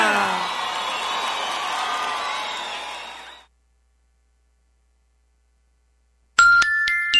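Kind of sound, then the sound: crowd, crowd cheering and applause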